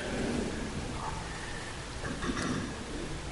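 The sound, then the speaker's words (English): Steady rain hisses continuously for a few seconds with a deep low rumble underneath, even in loudness, with no voices. “During the prayer, I should have thanked God for the rain.”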